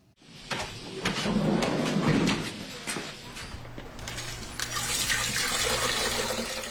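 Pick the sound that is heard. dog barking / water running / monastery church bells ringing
water running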